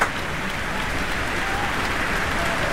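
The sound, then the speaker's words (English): A large concert audience in a concert hall applauds the entrance of soloist Yuja Wong and the conductor, a dense, steady roar of clapping that holds an even loudness throughout, with no voices standing out. “The audience response will definitely confirm that.”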